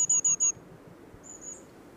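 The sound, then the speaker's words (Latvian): Long-tailed tit calls: three quick, thin high-pitched notes in a tight rhythmic burst, then a single fainter rising call after a brief pause, against a quiet background. “Garastītē nav īpašas teritoriālas dziesmas, tā ir zaudējusi teritoriālas dziesmas funkciju, bet kaut kas dziesmai līdzīgs, kā saucieni ir dzirdami, kad abi putni būvē līgzdu un pārojas.”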